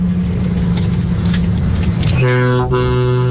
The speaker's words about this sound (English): That's a big bassy one. That's the … of horns.